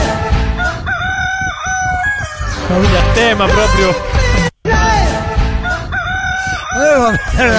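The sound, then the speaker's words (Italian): Loud, busy chicken sounds fill the whole stretch: repeated crowing calls and rapid clucking layered thickly together, broken by one brief silence partway through, with a voice speaking briefly. “Ma ce n'è un'altra, c'è un'altra a tema gallina.”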